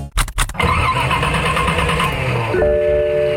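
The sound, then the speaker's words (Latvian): An old car engine cranks with a few rough, sputtering bursts before catching and running with a loud, rattling roar; a high whine rises near the end. “Vecais uzdzen šermuļus? Atvadies no tā! Izvēlies jaunu auto no Mobire.”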